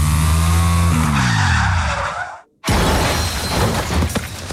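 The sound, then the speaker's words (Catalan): A car overtaking on the way to work skids with a long, shrill tire squeal that bends downward in pitch, then abruptly cuts to a brief silence before a crashing, noisy impact with scattered debris, in a Generalitat de Catalunya road safety advert. “Anant cap a la feina faré un avançament. I un cotxe l'on veurà.”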